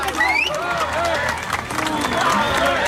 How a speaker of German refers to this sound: Oh Mann, danke Jungs. Mama, nochmal einen fetten Applaus für die Boys. Danke Jungs, mega.